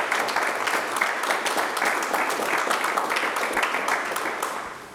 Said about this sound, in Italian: E ci fa sempre piacere ricevere chiamate da questi ragazzi e ragazze che ora ce l'hanno fatta e nulla. Un applauso questo.